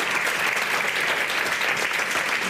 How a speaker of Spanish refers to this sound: Un aplauso para vosotros y para la familia. Gracias.